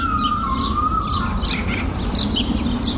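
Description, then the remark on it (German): Several garden birds, including a blue tit, a robin and a swallow, chirp and sing in a garden, with quick bright tweets repeating over a steady low background hum and a thin sustained whistle early on, no talking. “Es gibt sehr viele verschiedene Vögel. Auch hier in meinem Garten.”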